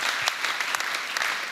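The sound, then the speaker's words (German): A crowd at a German political campaign event applauds the speaker steadily, a dense wash of many hands clapping at an even loudness with occasional sharper claps standing out, no voices coming through. “Das ist euer Applaus.”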